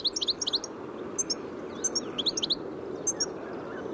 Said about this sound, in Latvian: Dzirdējām dadzīšu saucienu